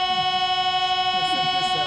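A sustained chord from the grand pipe organ of Nice Cathedral in France drones steadily with bright, stacked tones, sounding oddly like a Paris metro door-closing chime, while faint low murmurs sit underneath.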